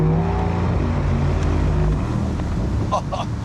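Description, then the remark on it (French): A car's V8 engine, paired with a 9-speed automatic gearbox, rumbles loudly as its switchable exhaust is opened, a deep, steady drone with strong low tones that shift slightly in pitch partway through, a few brief chirps near the end. “Là, je le ferme, tu m'entends plus, et là, je l'ouvre. Tu l'entends?”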